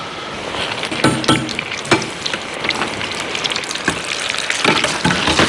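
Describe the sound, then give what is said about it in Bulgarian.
Bitterballen croquettes sizzle steadily in hot oil as they deep-fry, a dense crackling hiss with sharper pops and bursts scattered throughout, fairly loud, with no talking. “Така, и докато се пържат последните битерболени, ще взема един шалот.”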